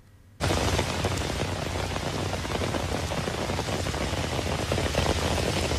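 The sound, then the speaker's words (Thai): Flash floodwater rushes down a rural highway before Ban I-Tong village, Thong Pha Phum district, Kanchanaburi, Thailand, after several days of heavy rain, in a loud, unbroken roar that cuts in abruptly after a brief quiet start and holds steady throughout, dense, with no voices. “นี่เป็นภาพขณะที่น้ำป่าไหลหลากลงจากบริเวณทางหลวงชนบทก่อนที่จะถึงหมู่บ้านอีตองอำเภอทองผาภูมิจังหวัดกาญจนบุรีค่ะหลังจากเกิดฝนตกหนักต่อเนื่องในพื้นที่หลายวัน”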